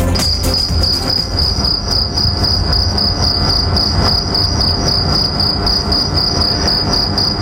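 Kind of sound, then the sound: insect, cricket chirping at night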